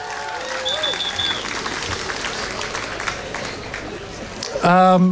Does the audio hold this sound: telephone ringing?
no